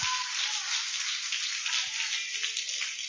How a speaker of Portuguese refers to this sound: E as palmas bem forte para Jesus.